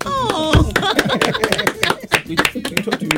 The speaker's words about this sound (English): Hey, you, please, you are not clapping.